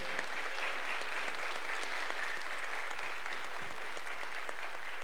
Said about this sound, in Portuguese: Mais uma salva de palmas para os novos coroinhas da nossa paróquia.